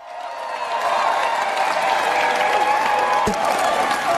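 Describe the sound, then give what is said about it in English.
A large crowd of supporters claps and cheers steadily as Keir Starmer walks towards the Black Door after his landslide general election victory, the dense applause building quickly and holding loud throughout, with whoops and shouts rising above it. “Thank you so much for that reception. What an amazing reception.”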